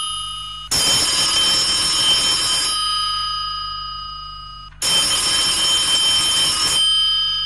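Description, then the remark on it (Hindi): A telephone bell rings loudly at 3 o'clock at night in two long, jangling bursts of about two seconds each, separated by a short pause with a faint lingering tone. No one speaks. “एकाएक मैं चौंक उठा, टेलीफोन की घंटी बज रही थी।”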